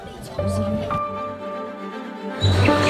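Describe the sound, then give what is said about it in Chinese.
A voice imitates a red-billed blue magpie alarm call: harsh, buzzy, strained cries repeated in short bursts, fairly loud, with a louder burst near the end. “刚才好像学了一句，这个是红嘴蓝雀的警报。”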